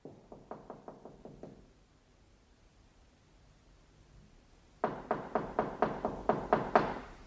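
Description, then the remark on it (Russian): A quick burst of about six knocks on the door of a cold, unheated apartment in besieged Leningrad, then a pause before a louder, firmer series of around nine raps in steady rhythm, with no voices. “Стучат ко мне.”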